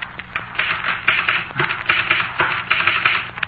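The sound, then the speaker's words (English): A typewriter clatters away in rapid, steady bursts of sharp clicking keystrokes, fairly loud, with no voices over it. “Come here, look at my typewriter.”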